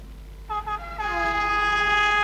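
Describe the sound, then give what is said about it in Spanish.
An EFE Trenes de Chile train in the Ñuble region of Chile sounds its horn: a short blast, then a long, loud, steady tone held to the end, with a faint low rumble underneath and no voices. “Con EFE Trenes de Chile, la región de Ñuble más conectada que nunca.”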